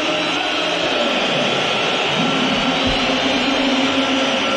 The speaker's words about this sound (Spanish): Silbatina, ¿no? Muy preciso. Casi que generalizado.